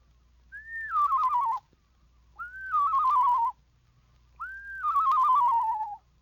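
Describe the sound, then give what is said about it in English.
A person uses a la-la whistle on a lower descending scale to imitate a screech owl's song: three separate calls, each rising briefly and then sliding down in a wavering, quavering descent, with short pauses between. “Make the same whistle on a lower descending scale, and you have the song of the screech owl.”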